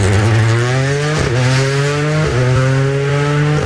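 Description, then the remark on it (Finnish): Jari-Matti Latvala's rally car, number 40, with Juho Hänninen as co-driver, roars loudly, revving hard as it launches from the start of the Harju special stage, its pitch climbing and dipping with quick gear changes, with no voices over it. “Juho Hänninen kartanlukijana lähtee Harju erikoiskokeen tähän tapaan.”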